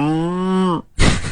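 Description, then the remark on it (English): A voice imitates a cow's moo: one sustained, low, steady lowing call lasting under a second, followed by a short pause and a sudden burst of breathy noise. “then I can hear the cow in the background going.”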